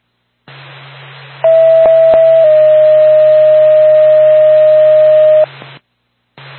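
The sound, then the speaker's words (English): Radio dispatch alert tones sent from Norfolk to Lancaster Ambulance before an ambulance call: a loud, steady electronic tone that drops slightly in pitch after about a second and holds for several seconds, over constant radio static with a couple of clicks. “Norfolk to Lancaster Ambulance, stand by for tow.”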